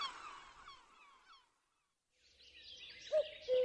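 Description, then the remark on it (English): A seagull calls in a harsh, squawking burst, falls silent briefly, then starts up again with more cries and a couple of sharper, louder calls near the end. “I said to the seaside bird I heard, "And who are you?" "I am a gull, a seaside gull.”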